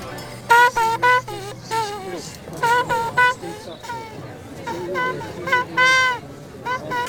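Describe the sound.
A horn plays a simple tune in short, bright phrases of sustained notes, loud, with a faint murmur of voices in the background.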